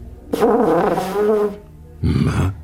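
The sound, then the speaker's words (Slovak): A person blows a buzzy lip sputter as a lip exercise for producing a tone on a wind instrument, aiming for 'ptr' but producing 'pf': a wavering voiced tone for about a second, then after a short pause a second, shorter and breathier puff of sputtering air. “Ale místo ptr se ozvalo pf.”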